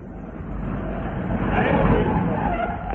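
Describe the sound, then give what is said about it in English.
A train heading south for Dumpton East pulls in with a steady, heavy rumble as a shrill brake screech rises over it and holds, loud, with no voices. “That's why I accepted the menial task of stable boy at the Ernie Binsdale Circus and took the train south for Dumpton East.”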